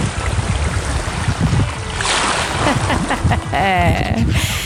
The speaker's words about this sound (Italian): Le onde del mare bellissime.